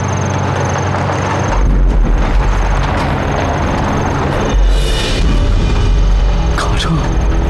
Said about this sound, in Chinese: 好像是日本人的卡车， 不会这么倒霉吧？